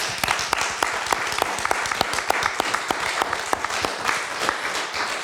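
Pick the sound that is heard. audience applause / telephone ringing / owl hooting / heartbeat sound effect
audience applause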